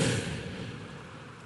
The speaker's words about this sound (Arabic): ليش وقفتي؟ الموج. إيش في الموج؟